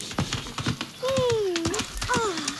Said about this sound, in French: Mince, avec tout ce raffut, on a attiré les chevaux. Maintenant, ça sent vraiment le cheval.